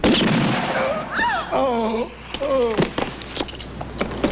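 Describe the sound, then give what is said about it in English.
A series of sharp gunshots cracks out in an irregular burst, mixed with raised, shouting voices over a steady background rumble. “He was gonna shoot. You could have shot him in the hand.”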